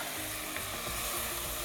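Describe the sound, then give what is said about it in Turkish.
Chicken stock poured into a hot pot of vegetables for soup sets off a loud, steady sizzle, a dense crackling hiss that holds for the whole moment with no one talking. “Şimdi tavuk suyumuzu ekliyoruz.”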